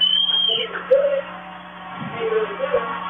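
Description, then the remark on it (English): A Henrietta football crowd cheers after a Henrietta touchdown pass against Iowa Park, a sustained roar of voices with scattered yells and whoops rising above it, and a high whistle-like tone at the very start. “And the Henrietta crowd goes wild.”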